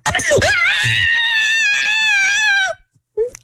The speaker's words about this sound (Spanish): Así mero va a gritar cuando le metan el susto allá.